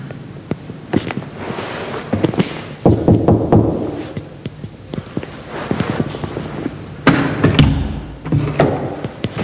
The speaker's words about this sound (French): Je vais essayer d'aller toquer à la porte.